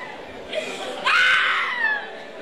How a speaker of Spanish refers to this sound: Otra mujer gritando el diablo por ahí, oyente. Escucha, escucha, oyente. Salga, dando voces.